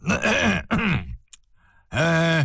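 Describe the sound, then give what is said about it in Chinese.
A voice imitates Zheng Guo's cough given in a tent before he speaks, with loud, throaty grunting bursts: two quick ones back to back, a short pause, then a final drawn-out one. “终于帐中尘雾消散，郑国还是咳嗽了一声才开口。”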